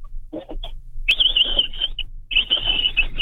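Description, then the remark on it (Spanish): A 49-year-old man imitates a capybara call from the throat: a few short breathy bursts, then two long, shrill, steady squeals with a brief gap between them. “Sí, es que los capibaras en Tecámac así suenan.”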